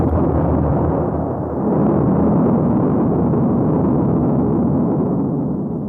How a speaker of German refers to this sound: Am Morgen des 18. Mai 1974 explodierte die erste Atombombe Indiens.